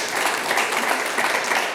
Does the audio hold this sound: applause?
yes